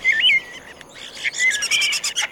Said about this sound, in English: That's part of the repertoire of the northern mockingbird, one of several birds that mimic. While mockingbirds and parrots are the best-known imitators, they're far from the only ones.